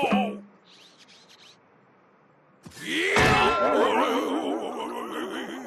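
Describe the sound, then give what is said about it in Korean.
A hammer strikes the banana of a statue to split it in half, with a single sharp thunk after a quiet stretch, then a loud, bright burst gives way to wavering, warbling tones that ring on to the end. “내가 이 망치로 조각상의 바나나를 반으로 가르면 그때 우리는 바나나 스플릿을 마음껏 먹는다.”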